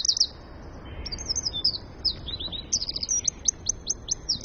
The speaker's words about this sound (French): Il fait 9 cm du bout du bec au bout de la queue, mais bien étiré, hein, parce qu'en fait, il est tout rond. Il a la forme de l'œuf dont il est issu. Et il a un chant d'une puissance. On va l'écouter. On va l'écouter, le troglodyte mignon.